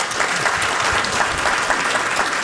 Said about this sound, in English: I'm going to love you all if you all clap after everything that I said.